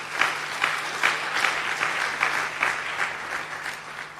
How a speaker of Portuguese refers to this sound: e os titios e as titias, deputadas e deputados, já aprovaram esta lei, por isso quero pedir uma grande salva de palmas para eles e elas.